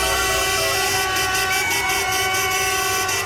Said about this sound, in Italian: Un'ora di caroselli, clacson e festeggiamenti, un'ora soltanto e poi scattano le multe.